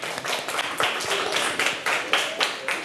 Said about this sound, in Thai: ดีมากสุดยอดเอาปรบมือให้เพื่อนเลยครับ